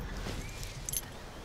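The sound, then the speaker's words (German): A short, faint metallic jingle of a found key being picked up, a few light clinking taps over a quiet, slightly rustling background, with no talking. “Ein Schlüssel? Nicht ein Schlüssel, mein Schlüssel.”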